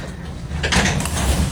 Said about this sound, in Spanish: Acompáñenme. Vamos a abrir esta puerta. ¿Están preparados?